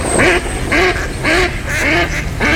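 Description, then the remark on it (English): A duck quacks over and over in a steady rhythm, five loud, nasal calls evenly spaced about half a second apart, with no other voices present. “You hear that? And that's music to my ears. Time to gear up for bird season.”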